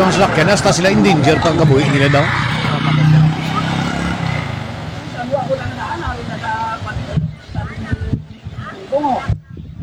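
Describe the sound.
A motor tricycle engine runs steadily, a continuous loud rumble, with several people talking and chattering over it throughout.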